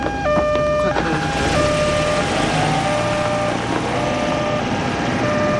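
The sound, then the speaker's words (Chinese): An ambulance drives by with its siren sounding, a stepping high-low wail held steady over a loud, constant rumble of engine and road noise for the whole stretch. “这是救护车，当然是救命了。”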